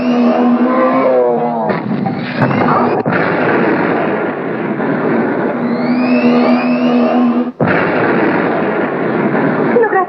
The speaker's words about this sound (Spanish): Dos autos nos alcanzan.